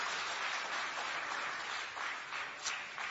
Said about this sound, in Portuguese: Tomai assento em nome de Jesus e pode aplaudir a Jesus com as palmas bem alegre, que glorifica e exalta o seu nome.